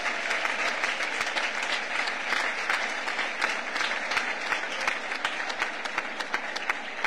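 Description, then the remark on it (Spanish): An audience applauds steadily for the Villena associations APAC (Personas Afectadas por el Cáncer) and APADIS (Atención de las Personas con Discapacidad de Villena y Comarca), a dense wash of many hands clapping at an even, sustained level for several seconds, with sharp individual claps standing out through the crowd noise. “Un fuerte aplauso para todas ellas.”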